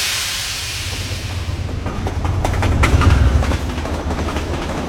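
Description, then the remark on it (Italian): A train, the Freccia del Sud linking Palermo and Milan, rumbles along the rails with a steady low roar, faint rhythmic clicks and a hiss growing slightly louder as it passes. No one speaks. “Dal nome del treno che collega Palermo a Milano e che, guarda i casi della storia, è quasi gemello di Pietro.”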